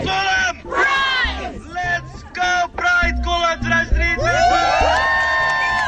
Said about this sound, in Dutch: Maar voor één keer een applaus voor Colum. Als ik zeg Colum, zeggen jullie Pride. Colum! Pride! Colum! Pride!